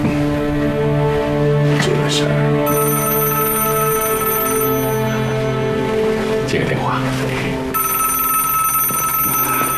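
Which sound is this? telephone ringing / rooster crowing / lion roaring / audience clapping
telephone ringing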